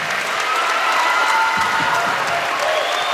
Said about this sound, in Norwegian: Vi har en enorm applaus.